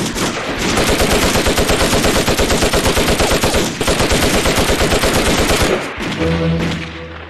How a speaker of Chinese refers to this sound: 枪声来自王家屯子方向，陈祖寿肯定出事了。